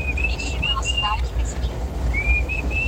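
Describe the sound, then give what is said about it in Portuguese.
A clear melodic whistle, the opening of a song, plays a slow tune of long, held notes with gentle pitch bends, fairly prominent over a steady low rumbling background, with a brief pause midway. “Eu tenho aquela uma que começa com aquele assobio bonito lá.”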